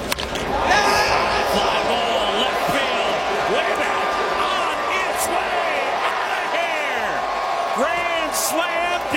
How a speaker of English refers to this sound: Was that a guy yelling in the mic or the camera before the call? Play it one more time. Right after he makes contact, you'll hear just an insane yell